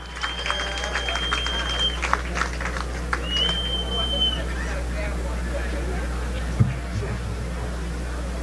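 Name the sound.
round of applause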